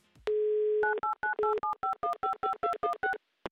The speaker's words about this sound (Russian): я набираю ваш номер телефона, ждите моего звонка.